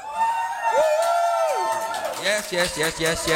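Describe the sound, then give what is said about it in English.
A real live audience, not a rented crowd, cheers and whoops during the live Radio Free Tankwa broadcast from a small studio at Afrikaman headquarters in Cape Town: one long, high sustained whoop rises and holds, then gives way to a lively jumble of excited shouting voices. “That's actual people. We don't have a rented crowd.”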